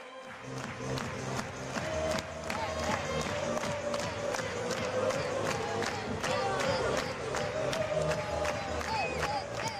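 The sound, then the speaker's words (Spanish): A stadium crowd at the On Time Butarque in Leganés roars steadily while fans clap in a sharp, regular rhythm on a summer afternoon, awaiting Álvaro Morata amid a smoke display. The loud unison claps repeat evenly through the whole stretch over a constant wall of cheering. “Todos a la espera, todos mirando, todos concentrados en Álvaro Morata, mientras también se animan con esas palmas los aficionados, el juego de humo, esperando a Álvaro Morata.”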